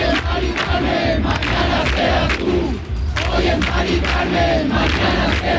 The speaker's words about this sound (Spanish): Es el grito en la Plaza de la Encarnación de Sevilla, el grito de los acampados en demanda de vivienda digna y asequible tras conocer la muerte de Mari Carmen en Madrid.